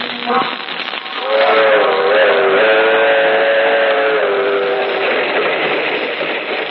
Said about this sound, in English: That train is the Southeast Limited. See it? Long, sleek, and powerful. Picking off the miles on the humming rails. A masterpiece of 20th century mechanical perfection.